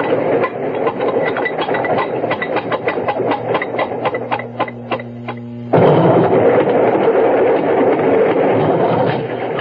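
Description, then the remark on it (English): A train wagon rolls along the rails with a steady rumble and rapid, rhythmic clickety-clack, a low droning hum joining midway before the noise swells into a louder, unbroken roar. “Glad to get out of that wagon.”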